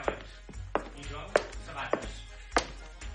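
A steady series of about six sharp, knocking footsteps lands roughly every half second over a faint background murmur, each step crisp and clearly separated.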